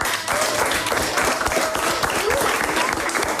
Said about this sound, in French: On vous applaudit.